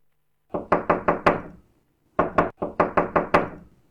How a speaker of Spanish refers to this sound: Está tocando la puerta. Ya están tocando.